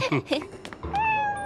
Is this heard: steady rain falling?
no